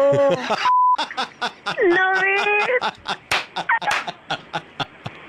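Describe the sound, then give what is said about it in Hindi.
A single short, steady censor beep cuts through a burst of loud, agitated swearing on a Radio Mirchi prank call, which carries on afterward with excited voices over a run of quick, rhythmic slapping sounds. “ये जो beep beep हो रहा था, ये बीप हटा दूं मैं एक बार दिल्ली को सुना दूं?”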